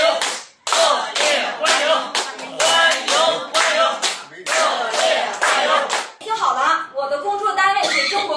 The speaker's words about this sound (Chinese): 我希望咱们叔叔阿姨以咱们老北京最热烈的掌声欢迎一下他，好不好，叔叔阿姨？